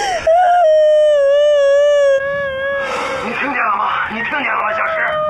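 A woman wails loudly, holding one long, high, steady cry before breaking into ragged, shaky sobbing that continues to the end.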